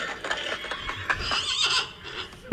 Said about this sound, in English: The horses are coming. The horses are coming.